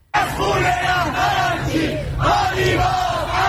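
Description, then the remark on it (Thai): Dozens of Iranian protesters on the streets of Tehran at night shout and chant loudly in unison against the government's deal to end the war with the US, calling out names of the negotiating team including parliament speaker Mohammad Bagher Ghalibaf, with rising voices repeating in waves over a steady low rumble from the street. “ชาวอิหร่านหลายสิบคนออกมาชุมนุมบนท้องถนนในกรุงเตหะรานเมื่อคืนที่ผ่านมาแสดงความไม่พอใจที่รัฐบาลอิหร่านเดินหน้าเจรจาและเตรียมบรรลุข้อตกลงยุติสงครามกับสหรัฐหลายคนตะโกนชื่อของผู้ที่อยู่ในคณะเจรจาทั้งโมฮัมหมัดบาเกอร์กาลิบาฟประธานรัฐสภาอิหร่าน”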